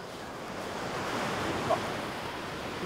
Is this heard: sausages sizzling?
no